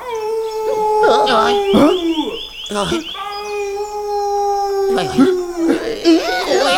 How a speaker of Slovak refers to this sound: Počuli ste to? Čo to bolo? To je vlk!